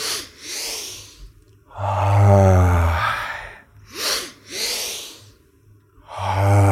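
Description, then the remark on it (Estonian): Loud, deep breaths repeat in a steady cycle during a guided breathing exercise: sharp airy double inhales through the nose followed by long, audible exhales, some released as a low voiced sigh. No speech. “Sügavalt sisse. Hingame välja tegasa.”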